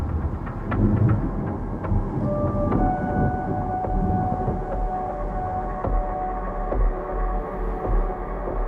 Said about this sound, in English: thunder claps and lightning streaks across the night sky.